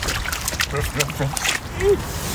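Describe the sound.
A small child who has just learned to walk, wearing blue rubber boots on a walk in Umeå, splashes and sloshes through a puddle in a few uneven, wet steps, with a brief high voice sounding over the watery noise.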